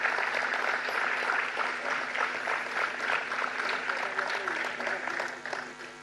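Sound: audience applause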